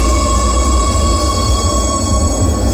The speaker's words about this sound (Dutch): De deuren gaan sluiten in de metro in Oslo. Oh, dat was mooi geluid.